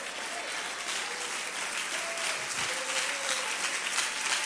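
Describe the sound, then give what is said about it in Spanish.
An audience applauds God as the king, a dense wash of many hands clapping at an even, sustained level for several seconds, with a few faint voices mixed underneath. “Dele bien ese aplauso al rey.”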